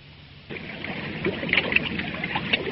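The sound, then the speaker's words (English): A small boat moves through water with steady splashing and lapping that starts abruptly and continues, with a few sharper splashes, no voices. “what are you doing down there in that boat?”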